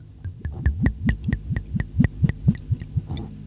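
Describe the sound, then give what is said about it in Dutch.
Moscatel Origen dessert wine from the Pepe Mendoza winery glugs out of a bottle into a glass in a steady run of quick, hollow gurgles, about a dozen in a row, fairly loud with no talking. “Mag ik hem inschenken?”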